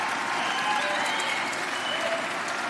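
An audience claps steadily, a dense, even wash of many hands that holds at a constant moderate level for about three seconds without rising or fading.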